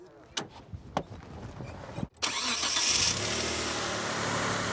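A car fitted with an air filter and a big dump valve has its engine cranked with a few sharp clicks and whirring; it catches after a brief pause and settles into a steady, loud idle with a broad rumbling hiss.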